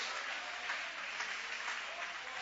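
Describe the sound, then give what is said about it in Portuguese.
An audience at a church service applauds the name of Jesus: sustained applause, a dense, steady wash of many hands clapping at once, moderately loud and continuous without pause for a few seconds. “Aplaude aquele que vive, aplaude aquele que reina, glória a Deus.”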